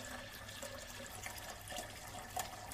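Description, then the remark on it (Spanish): Steady water pours from an open kitchen sink tap as a man brings a plastic jug to it, a continuous hissing splash with faint bright drips and gurgles, fairly quiet, with no voices. “Con su mano comienza a buscar la llave de agua. Y la abre.”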